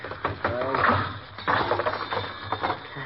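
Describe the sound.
Mechanical clicking as a spring mechanism is tested while working on an ignition lock, with a run of sharp, irregular ratcheting clicks and snaps, the spring still too strong, and a faint voice murmuring briefly underneath.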